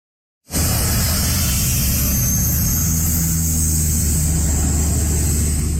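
A water bomber plane roars low while scooping water, its heavy engine drone mixing with a steady rushing hiss, loud and continuous after a sudden start.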